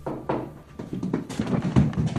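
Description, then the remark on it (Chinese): Several dull knocks on a door, spaced irregularly, with a low thudding body and some faint background rumble between them. “听到敲门声，小个子警觉地拿起枪。”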